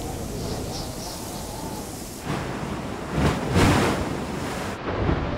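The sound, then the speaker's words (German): Heavy surf roars continuously at islands in the Atlantic, stirring up food for reef fish, with gusting wind buffeting the microphone, a few louder waves crashing in swells before the noise briefly thins near the end. “Die heftige Brandung wirbelt Futter für Rifffische auf.”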